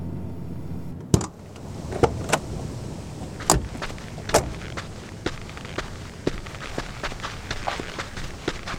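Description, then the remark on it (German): A car engine rumbles briefly and cuts off as the car parks, followed by a sharp knock, then a series of soft, irregular footsteps of two people sneaking steadily on foot toward a house, with no one speaking. “Wir halten hier und schleichen uns dann zum Haus deiner Eltern.”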